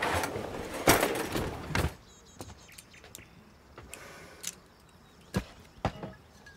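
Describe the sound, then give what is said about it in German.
A kitchen drawer on the right slides open with a rough rattling scrape, followed by a few sharp, scattered clinks and clicks as a corkscrew (wine opener) is picked out from the utensils; fairly quiet. “wo ist der Weinöffner? Schublade rechts.”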